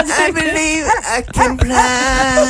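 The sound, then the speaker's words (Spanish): A dog whimpers and yips, drawn-out whiny cries bending in pitch, broken by a few short sharp yelps midway. “El perro ya está vagando, ¿verdad?”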